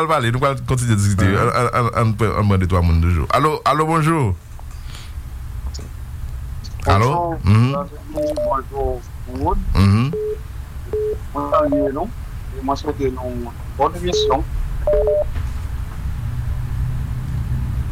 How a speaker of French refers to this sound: Oui, nous allons faire un téléphone. Téléphone, vous entendez, non? Oui, c'est la téléphone, non.